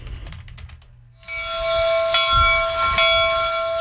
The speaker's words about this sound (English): I think that's a commuter rail. How do you even memorize all of these sounds of the T?